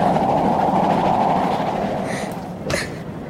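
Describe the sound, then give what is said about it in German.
A steam train runs steadily along the rails on a bitterly cold day, soot blowing in at the window, a dense continuous rumble with faint high tones and a brief sharp burst near the end. “Der Ruß kommt rein und der Bahnhof ist sowieso nicht mehr zu sehen.”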